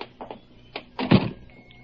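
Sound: door opening and closing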